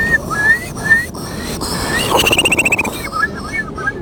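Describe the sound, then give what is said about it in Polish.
A person in a bird-imitation contest imitates the call of a Eurasian curlew by voice: rising whistled notes, then a fast bubbling trill of rapid pulses, loud, with no talking. “Twój numer popisowy? To będzie kulik wielki. Brzmi on mniej więcej tak.”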